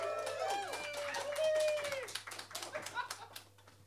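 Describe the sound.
A voice speaks briefly, then an audience at a reading breaks into applause: a patter of many hands clapping at moderate loudness that continues to the end.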